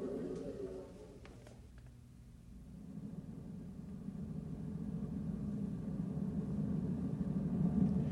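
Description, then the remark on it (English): A car engine idles with a low, steady rumble that swells gradually louder over several seconds, after a brief murmur of sound at the start; the car is parked right outside a hospital's front door. “I brought the car. It's right outside the front door.”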